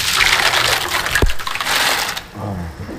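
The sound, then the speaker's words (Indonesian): Kerupuk puyur crackers frying in plenty of very hot oil: a loud, dense sizzling crackle for about two seconds that then drops away, leaving a softer, duller bubbling. “Untuk menghasilkan kerupuk puyur yang gurih dan renyah, perlu minyak yang banyak dan benar-benar panas.”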